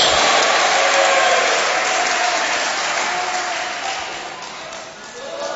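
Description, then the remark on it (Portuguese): A church audience applauds in praise of the Lord in a steady, dense wash of clapping that stays loud for several seconds, then gradually thins and fades toward the end, with a few voices faintly audible underneath. “Pode aplaudir ao Senhor e dar glória a Deus.”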